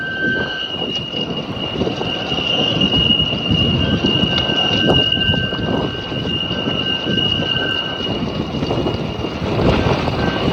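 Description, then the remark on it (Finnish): A structure whistles in strong wind: steady high-pitched tones ring on and on over a loud, rushing roar of gusts, lasting the whole stretch without a break, like a train braking. “Ei vaan kovalla tuulella niin se alkaa soimaan. Niin se vislailee.”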